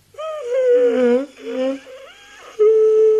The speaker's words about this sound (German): No, verschling mich nicht vor lauter Gähnen. Also halt wenigstens die Hand vor den Mund.